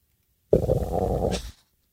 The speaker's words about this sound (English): What was that? Don't know. Sounded like a beluga whale. Could be my stomach.